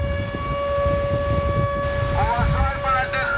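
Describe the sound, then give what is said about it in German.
A steady, wailing air raid siren sounds in the middle of the day at a bathing beach in Novorossiysk, on the northern Black Sea coast, holding a sustained tone over blustery wind and rushing surf, with faint voices emerging in the background toward the end. “Luftalarm mitten am Tag am Badestrand von Novorossiysk im Norden der Schwarzmeerküste.”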